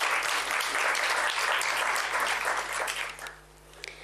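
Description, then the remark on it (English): A crowd claps for the public relations officer in a dense, steady round of applause for about three seconds, then quickly thins out and fades, leaving a few scattered claps near the end. “I think we also need to give her a round of applause.”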